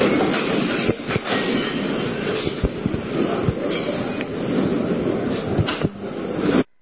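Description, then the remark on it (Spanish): Earthquake rumbling and shaking a television studio during a live broadcast: a loud, steady, roaring rumble with rattles and scattered knocks running throughout, no voices, cutting off abruptly at the end. “Sacude todo con más fuerza.”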